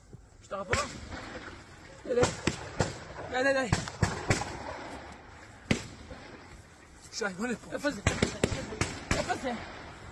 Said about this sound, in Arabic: إذن في مستوطنة نيفيتسوف يظهر أحد المستوطنين وهو يختبئ، ونسمع أصوات إطلاق النار.